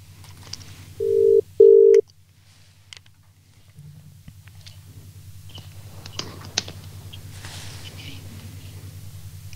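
A telephone call placed live on the radio show Hell or High Water rings out with two short, steady mid-pitched tones in quick succession, followed by a low line hum and scattered soft clicks and taps.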